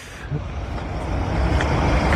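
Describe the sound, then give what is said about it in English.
A steady, heavy rumble of road traffic streams past, dense low engine noise swelling slightly louder over the couple of seconds, with no voices. “Sounds like a lot of heavy traffic going past.”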